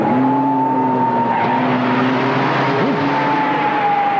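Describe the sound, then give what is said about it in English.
A stolen ambulance's engine roars loudly and steadily as it drives off fast, heading east on Dake Road, with a brief tire squeal partway through and no voices. “I guess by definition I'm in the Batmobile now.”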